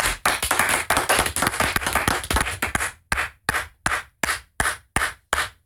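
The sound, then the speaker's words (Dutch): A single person claps, imitating a lone fan at a stadium concert who clapped continuously after every song. First comes a fast, dense flurry for about three seconds, then slower, evenly spaced sharp claps that continue steadily on their own. “Er was één fan gewoon continu klappen.”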